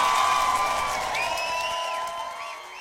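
A large crowd cheers and shouts steadily, many voices blending into a loud, sustained roar with high whoops rising above it, easing off slightly toward the end.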